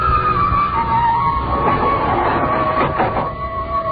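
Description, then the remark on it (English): An elevator car moving upward with agonizing slowness: a steady mechanical rumble with a thin, constant whine running through it, continuous for the whole stretch, with no voices. “Hearing at me furtively as the elevator moved upward with agonizing slowness.”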